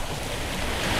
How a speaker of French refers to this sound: D'ailleurs, je vous invite, auditeurs, on va descendre près des rochers pour vous faire écouter la musique des vagues.